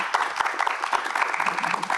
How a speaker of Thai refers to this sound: ขอเสียงปรบมือให้กับทั้ง3ท่านด้วยนะครับ